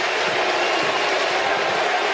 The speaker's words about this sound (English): He stopped. Listen to the crowd going crazy for him, right?